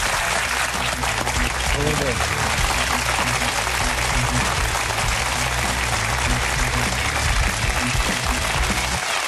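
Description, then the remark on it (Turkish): Sustained applause from a large audience for Ayşegül Aldınç as she is thanked at the close of the programme, a dense steady wash of clapping that holds at a constant loud level for about nine seconds, with a faint low hum underneath. “Çok efendim Ayşegül Aldınç, kocaman alkışlarımızla.”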